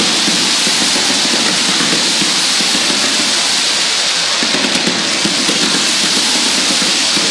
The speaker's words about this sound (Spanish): Imposible describir con palabras todo lo que estamos viendo. Fuegos artificiales, todos festejos. La noche que se hace un día. Los aplausos. El último tango del 10. Una fiesta única. Escuchen.